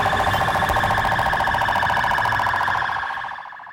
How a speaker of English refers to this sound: Sirens blaring on a military and police convoy in Baghdad. Iraqi forces parading in the streets, marking the end of the U.S. coalition mission in that country.